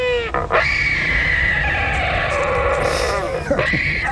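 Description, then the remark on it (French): A wandering albatross calls in one long, loud, wavering cry full of raspy harmonics, with groaning, rising sweeps at the start and again near the end, like a braying animal. “Celui-ci, c'est bien un oiseau que vous allez entendre. C'est l'albatros hurleur.”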